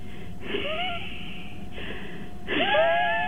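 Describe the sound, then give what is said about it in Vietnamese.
A person imitates the wheezing of someone with asthma when breathing out, making whistling, raspy exhalations in three breathy bursts, the last one louder and more strained, with no talking. “Tôi thí dụ cho quý vị nghe, khi mà cái người bị suyễn á, thì nó sẽ có những cái âm thanh như thế này nè.”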